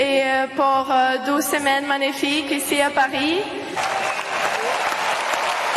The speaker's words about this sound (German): Und im Interview gleich auf dem Center Court rührt die 19-Jährige ihre Eltern zu Tränen. Und das Publikum zu Applaus.